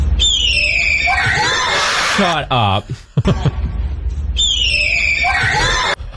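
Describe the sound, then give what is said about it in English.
A man imitates a red-tailed hawk's scream with his mouth: a loud, raspy, descending screech at the start and another near the end, with talking and laughter in between. “This is what it's actually the red-tailed hawk sound, and this is what it sounds like.”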